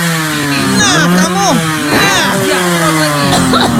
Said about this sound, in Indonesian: Bukan asap penyemprot motor lagi. Ya udah matiin itu motor. Napas Mak sudah sesek ini karena asapnya.